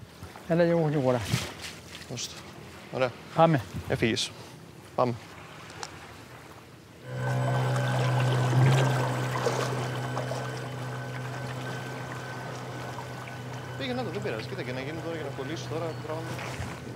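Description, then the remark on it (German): After a few seconds of people talking, the motor of a fishing boat used to pull the fishing line far out starts up into a steady, low droning hum with a rushing wash of water, continuing evenly to the end. “Mit dem Boot können wir jetzt die wirklich großen Fische fangen.”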